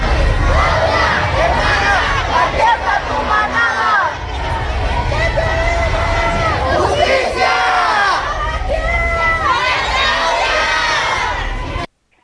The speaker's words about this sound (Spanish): Si me lo permites, vamos a escuchar parte de los reclamos que hacían en esta marcha hace unos instantes.